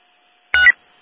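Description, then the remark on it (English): A single short burst of telephone keypad dialing tone from a department phone, about a quarter second long, sounds clearly against near silence, with no voices. “Yeah, can you let 1810 know that I'm going to be calling you using my department phone?”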